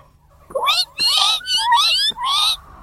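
animal, cat meowing

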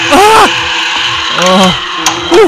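household object, door creaking open

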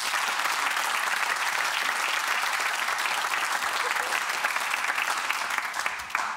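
crowd, audience applause

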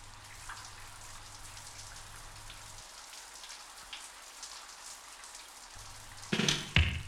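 nature, rain pattering on windows

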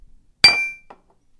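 household object, glasses clinking

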